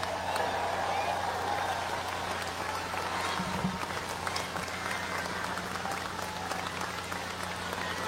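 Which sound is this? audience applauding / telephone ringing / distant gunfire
audience applauding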